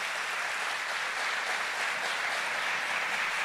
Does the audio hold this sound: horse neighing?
no